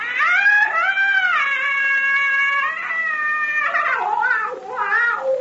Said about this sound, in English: He come. That Nakapa. You hear him? Nakapa give witch doctor call of death. Now, that scream we heard was the witch doctor.